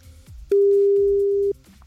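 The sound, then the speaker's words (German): A single steady telephone ringing tone as hosts of the radio station Fritz call a listener, a loud, flat mid-pitched beep lasting about a second, heard on a phone line with faint low murmuring before and after. “Klingelt.”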